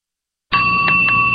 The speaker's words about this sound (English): Bells. There's something insistent, something even alarming about them. You hear them at Christmas. You hear them ringing from a church tower.